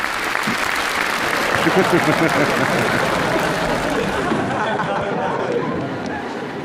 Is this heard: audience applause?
yes